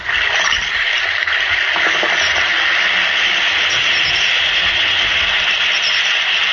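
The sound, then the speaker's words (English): An Alka-Seltzer tablet fizzing in water: a steady, loud carbonated hiss that continues evenly for several seconds, with no voices. “Listen to it fizz.”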